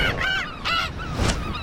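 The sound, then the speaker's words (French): Calls of a large gull (goéland): a series of loud, nasal squawks repeating, with a short pause before the last cry, and no one speaking. “On se ressemble beaucoup, mais moi, le goéland, je suis bien plus grand qu'elle.”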